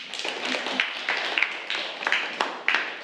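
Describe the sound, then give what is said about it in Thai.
Students in a classroom clap for the classmate who is student number 9, a dense, steady patter lasting a few seconds, with a few sharper individual claps standing out at irregular moments; no one speaks. “ค่ะปรบมือให้กับตัวแทนเลขที่9ด้วยค่ะ”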